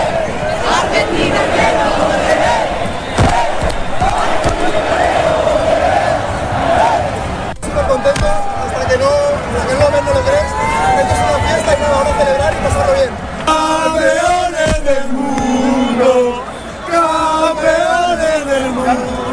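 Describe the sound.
A large crowd of football fans cheers and chants loudly and continuously in the Plaza de las Tortugas in Palma, celebrating the national team's second World Cup, voices rising in sustained, wavering shouts with rhythmic surges and a dense babble of many people underneath.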